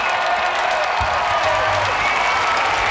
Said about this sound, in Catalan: Saluda a la gent, aplaudiments, s'aboca al balcó, saluda els que estan just a sota del balcó, té uns micròfons preparats per tal d'adreçar unes paraules a la gent, cridòria de tots els fidels que han estat seguint aquesta cerimònia des de les places.